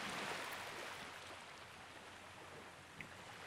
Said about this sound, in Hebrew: זה בעצם יהיה העוגן שלנו, אתם תמיד יכולים לחזור בעצם לצלילים של הים, להקשיב לקצף, לגלים, בין לבין.